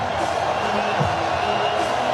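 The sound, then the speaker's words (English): A loud sellout crowd at a baseball game in Cleveland on a night in the mid-60s fills the space with a steady, dense roar of many voices blending together, continuous throughout, with no single speaker standing out. “And a very loud sellout crowd here in Cleveland.”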